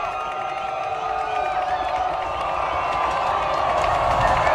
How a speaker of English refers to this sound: So the crowd's getting excited.